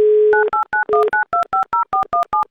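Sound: telephone number being dialed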